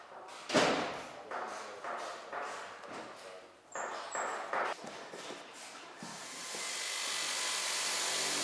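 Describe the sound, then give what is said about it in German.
A harsh diamond saw grinds in a series of short bursts after a dull thump, then settles into a continuous, steady cutting whine toward the end, sawing off an aircraft's detachable wing along a marked line. “Und da habe ich hier schon mal angezeichnet, den Riss, damit ich jetzt mit der Diamantsäge den Ansteckflügel absägen kann und einfach nicht Verlauf mit der Säge.”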